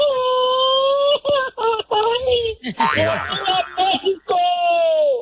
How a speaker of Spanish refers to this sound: Filtro número dos ya lo pasó, y tercer y último filtro para ganarse este par de boletos para la inauguración México-Sudáfrica en primera fila, necesito que se aviente un grito bien mexicano que se escuche hasta su tierra, Guanajuato.